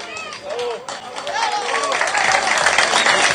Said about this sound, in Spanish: Arriba las palmas, fuerte las palmas